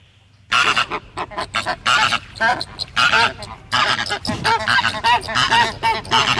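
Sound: flamingo calls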